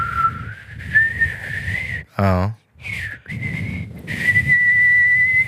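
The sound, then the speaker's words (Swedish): During a whistling lesson, a person whistles a long, steady, mid-high tone through pursed lips that slowly rises in pitch, briefly broken by a short spoken word before the held whistle resumes over low background rumble. “Fin ton. Det är bara att hålla den.”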